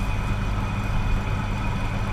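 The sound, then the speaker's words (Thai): A steady, wind-like rush of noise runs unbroken throughout in the studio of radio station 96.5, where the air conditioner has broken down and an air-suction cooling unit is in use, with a heavy low rumble underneath and a thin, constant whine on top. No one speaks. “ถ้าคุณผู้ฟังได้ยินเสียงเหมือนกับมีลมก็ขอให้เข้าใจว่าที่ห้องส่งของ”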